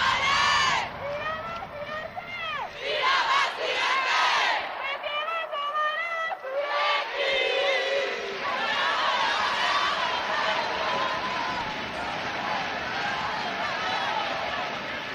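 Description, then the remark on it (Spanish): A women's team shouts and chants together, loud and continuous, celebrating after reaching the Copa de la Reina final as runners-up. A player, the MVP, leads bursts of call-and-response through a megaphone over the lively group noise. “Mira, mira, mira, mira, mira, mira, mira, mira, … al megáfono, la MVP. Vamos a ver si podemos oír.”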